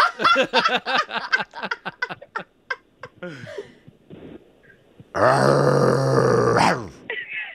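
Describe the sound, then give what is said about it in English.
A person imitates a dog barking: a quick series of rough, voiced yelps, then a loud, strained, drawn-out bark-like howl lasting over a second, followed by a short grunt. “Who had the best bark on the show?”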